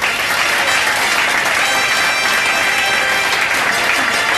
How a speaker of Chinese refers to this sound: 毛泽东这句斩钉截铁之言突然引来了掌声，除了邓小平在埋头刻印历史之外，整个会议室都在鼓掌，而且属瞿秋白鼓得最起劲儿。